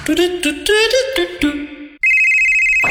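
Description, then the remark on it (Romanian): A phone ringtone in an advertisement for Hotel Savoy Mamaia plays a quick melodic tune of bright, bouncing notes for about two seconds, then switches to a loud, steady, high electronic ringing tone. “Hei, te sună marea!”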